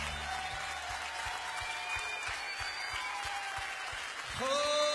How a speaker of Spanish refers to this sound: Oh, tuyo es la gloria, Señor. Aplaudale a él, él es digno.